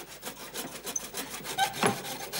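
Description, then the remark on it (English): Rapid, steady hammering on wood as Russell makes a desk, a string of quick repeated knocks at a fairly even rhythm, moderately loud, with no voices. “Russell, stop that noise! Oh, he's hammering again.”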